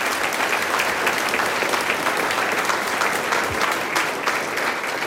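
Steady, dense applause from an audience, a continuous wash of many hands clapping at an even loudness throughout, with no voices standing out above it.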